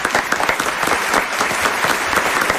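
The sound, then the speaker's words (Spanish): A theatre audience claps steadily, a dense wash of hand claps at moderate volume with no pauses, welcoming a young woman volunteer from the fourth row onto the stage. “Un aplauso para esta joven.”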